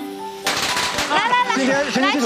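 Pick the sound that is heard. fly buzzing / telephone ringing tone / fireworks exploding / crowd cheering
fireworks exploding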